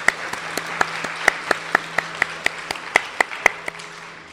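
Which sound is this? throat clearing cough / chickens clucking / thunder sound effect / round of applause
round of applause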